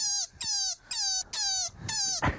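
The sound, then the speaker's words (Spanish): A rabbit's call: five short, high-pitched squealing cries in a quick, even series, each slightly falling in pitch, ending in a brief rough burst. No talking. “¿Esto hace un conejo?”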